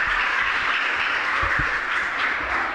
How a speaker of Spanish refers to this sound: un aplauso, ¿no?, para despedirnos.